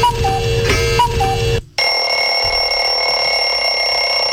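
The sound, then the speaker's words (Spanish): A loud electronic alarm clock rings during the Olímpica radio morning show: a harsh, buzzy melodic stretch, a split-second pause, then a steady, piercing high-pitched tone that keeps sounding on its own. “También le tengo alarma por si.”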